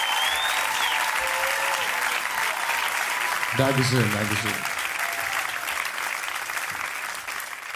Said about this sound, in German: Lieber Autofahrer, der ganze Applaus hier hat mich schon ganz verrückt gemacht.